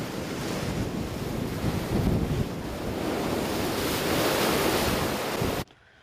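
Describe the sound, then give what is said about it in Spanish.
Heavy ocean surf at Long Beach, stirred up by the remnants of Storm Rachel, roars and crashes against the coast for a fourth consecutive day in a steady, dense wash of noise, swelling louder toward the end with wind buffeting the microphone, then cutting off abruptly. No one speaks. “8 edificios que albergan 13 viviendas fueron declarados inhabitables mientras el fuerte oleaje continúa azotando la costa por cuarto día consecutivo.”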